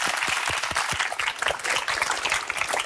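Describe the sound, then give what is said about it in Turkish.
A crowd applauds steadily, a dense wash of clapping that stays loud and even for the full few seconds, with scattered sharper claps standing out and no talking. “O zaman heyecanlanan bir alkış veriyoruz arkadaşlar, kocaman.”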